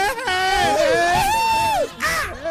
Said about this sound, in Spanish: Haga su grito de feria.